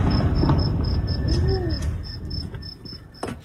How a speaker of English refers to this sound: The sound of escalation in the Middle East, an explosion in northern Iran. U.S. airstrikes are landing inside the country.